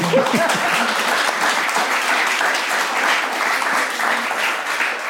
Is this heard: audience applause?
yes